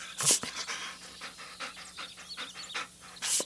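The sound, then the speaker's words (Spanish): A dog pants rapidly and steadily, with a couple of louder, breathy huffs near the start and end and soft whimpering sounds mixed in, at the door between the house and the garden, trying to get its owners' attention. No one speaks. “Intenta hacer sonidos para llamar la atención de sus dueños.”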